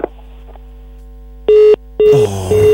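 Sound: busy tone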